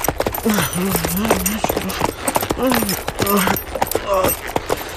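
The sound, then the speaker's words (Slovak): A horse's hooves pound out a quick, steady rhythm, the sharp clops running through the whole stretch while voices speak over them. “mohla naložiť na koňa a odcválať z Buenos Aires skôr, než guvernéra prejde trpezlivosť.”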